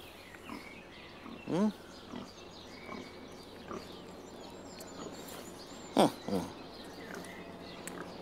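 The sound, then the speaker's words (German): A litter of eleven piglets grunt and oink in a few short bursts, one near the start and a louder pair later, over a steady low background murmur with long quiet stretches between calls. “Was jetzt nicht passieren darf, ist, dass ein Schwein quiekt.”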